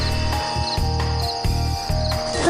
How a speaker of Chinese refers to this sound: 这是什么？ 就是，我的专用喷雾。